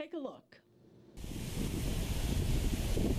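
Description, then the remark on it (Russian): A brief voice at the start gives way to a loud, steady roar of Mediterranean sea surf washing onto a beach on Israel's coast on a smooth, sunny day, continuous with a windy, rushing texture. “На Средиземном побережье Израиля раскинулись прекрасные пляжи.”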